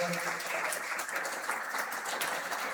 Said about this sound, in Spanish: El Parco, un aplauso a los del Parco.